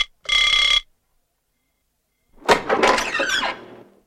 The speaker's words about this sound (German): Um 10 Uhr vormittags klingelte ein Angestellter des Schlosshotels an der Tür des Lords.